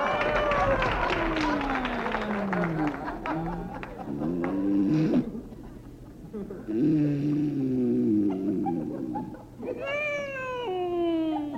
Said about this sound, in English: It's bad enough getting tossed around in mid-ocean without listening to that whining and snoring